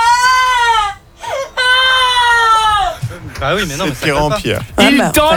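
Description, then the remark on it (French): A woman's voice imitates a distant cry of despair: two long, high, sustained wails, then a run of shaky, wavering sobs that rise and fall in pitch. “Chérie, tu veux faire un cri un peu de désespoir au loin, un peu.”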